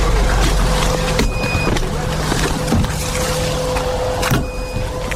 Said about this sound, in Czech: Pípání detektoru signalizuje, že v našem okolí se pohybují drony. Jsme v Družkivce, ve čtvrti rodinných domků, na kopci nad městem.